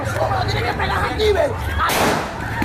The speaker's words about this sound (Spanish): El agente hizo un primer disparo hacia los pies, tratando de frenar la arremetida.